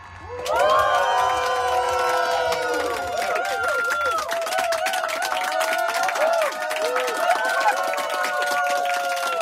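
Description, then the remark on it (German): A live audience at the FM4 Happy Hour stand-up comedy stage cheers and applauds loudly and steadily for several seconds, with many voices whooping and shouting over dense clapping, the excited calls rising and falling in pitch. “Ja, okay, ich motiviere zwar ein bisschen, aber den Rest macht das Live-Publikum.”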